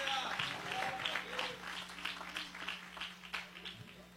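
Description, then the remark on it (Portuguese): A large crowd applauds Jesus steadily for several seconds, a dense, continuous patter of many hands clapping at moderate volume, slowly easing off toward the end over a faint low hum. “Você que pode aplaudir a Jesus, ele é digno de honra, glória e louvor.”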